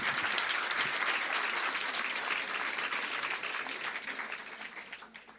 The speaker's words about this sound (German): Und nochmal einen Applaus bitte für den Slammer.